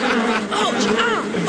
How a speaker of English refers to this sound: The wasps are turning. We best beat a hasty retreat or we'll end up as food for the wasps ourselves.